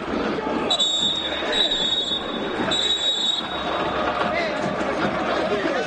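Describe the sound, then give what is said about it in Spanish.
A referee's whistle sounds in about three shrill, sustained blasts at an O'Higgins football match, blown to keep the players from coming to blows, over the steady roar and chatter of the crowd, then the crowd noise carries on alone. “Esos pitazos son para que no se vayan a los golpes ahí los jugadores, ¿no?”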